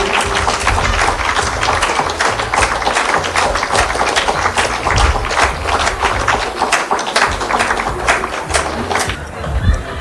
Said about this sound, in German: Nochmals großen Applaus für Sie.